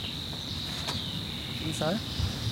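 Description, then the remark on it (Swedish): A Savi's warbler's reeling song from a bird sitting out in the reeds in Uppland, Sweden: a fast, unbroken, insect-like buzz holding one high pitch throughout, steady and moderately loud over soft outdoor background noise, with a brief lower call midway. “Utan det är nog här vid tåken som vi hör en vassångare sitta ute i vassen.”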